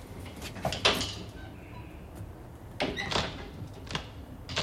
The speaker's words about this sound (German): Was treibt die denn da? Das hörst du doch. Da ist ein Schrank aufgebrochen. Und warum? Weil sie keinen Schlüssel hat, du Dussel.